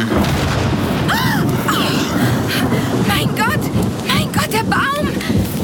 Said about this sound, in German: Ein Blitz schlägt immer in den höchsten Punkt ein.